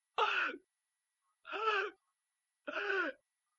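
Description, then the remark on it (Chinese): A voice imitates the heavy, labored panting of Emperor Zhu Yuanzhang lying in his bed in the Wanshou Palace: three loud, rasping breaths, each about half a second long, spaced roughly a second apart with silence between them. No words are spoken. “到了7月23这天，他们就在万寿宫围在朱元璋的床前，一看呢，朱元璋是大口喘气儿。”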